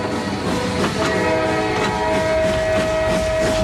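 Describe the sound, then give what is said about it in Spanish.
A train rumbles steadily along the tracks with a rhythmic clatter of wheels, while a sustained horn-like tone hums through the loud, continuous noise. No one speaks. “1909, Granados lleva 2 días metido en trenes, subiendo y bajando en estaciones desiertas, para llegar desde París hasta el pequeño pueblo de Cambo-le-Bain, o así, en la otra punta de los Pirineos, que es donde está su amigo Isaac Albéniz.”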